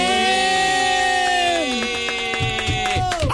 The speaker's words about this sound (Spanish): Por favor, fuerte el aplauso para Daniela Stiley.